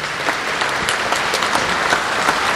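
A crowd claps steadily for a priest, a dense, even patter of many hands with no voices rising above it, sustained at a fairly loud, constant level.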